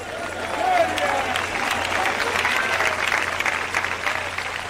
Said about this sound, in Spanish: Cuando aplauda, hermano, aplauda a todo el mundo. Porque aquí lo más lindo es que estamos juntos, unánimes.